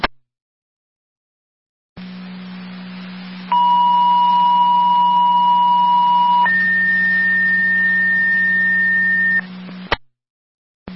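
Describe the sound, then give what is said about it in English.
Two-tone fire dispatch pager alert over a radio channel, the second set of tones from fire control to Wilson requesting EMT manpower for an EMS call on Randall Road: a steady mid-pitched tone holds for about three seconds, then switches to a higher tone for another three, all over a low static hum. “Fire control to Wilson, second set of tones.”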